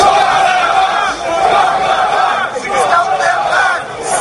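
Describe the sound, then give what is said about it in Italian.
A large anti-immigration protest crowd in Portsmouth, on the south coast of England, on a Saturday afternoon, chants "Send them back" in unison, many voices shouting the rhythmic slogan in loud, steady waves that swell and dip across the whole stretch. “Un coro di voci che urla «Send them back», rimandateli indietro.”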